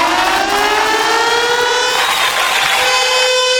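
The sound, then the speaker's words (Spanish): A loud, continuous siren wails steadily, its tone sliding gradually upward over a few seconds, with strong harmonic overtones and no voices. It is sounded as a "taco alarm" announcement. “¡Alarma de taco, chiquillos! ¡Alarma de taco!”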